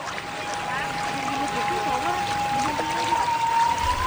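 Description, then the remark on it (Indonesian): Hot spring water, coming directly from Mount Merapi, pours and splashes in a steady, continuous rush from a spout at a mosque in Nagari Pariangan, with faint talking and a thin, sustained tone underneath. “Yang semakin membuat masjid ini unik adalah terdapat pancuran air panas langsung dari Gunung Merapi.”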